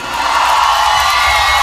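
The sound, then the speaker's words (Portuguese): A large crowd of single audience members shouts and cheers together in one loud, sustained roar, a dense wash of voices that holds steady for a couple of seconds with no individual words standing out. “Cadê o grito dos solteiros hoje aqui?”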